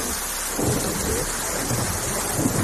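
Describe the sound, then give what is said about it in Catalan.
A thunderstorm arriving during an orange weather alert: steady heavy rain hisses throughout while low rumbles of thunder roll underneath, swelling now and then. No voices, just dense, continuous storm noise. “Van rebre un escat d'alarma i aquí pues, em sembla que està arribant ara la tempesta.”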